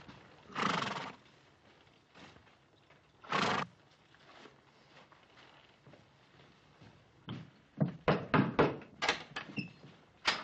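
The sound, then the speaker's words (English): Several horses carrying a detail of soldiers from Fort Dayton approach with a run of clip-clopping hooves that bunch up and stop as the detail halts, while a horse whinnies loudly near the start and again a few seconds later; no one speaks. “Sounds like more than one to me, Paul.”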